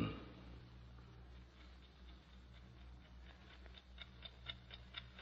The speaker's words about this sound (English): That clock is going to drive me crazy. You want me to shut it off? How do you shut off a clock, stupid?